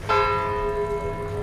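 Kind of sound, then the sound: signal or alarm, church bell ringing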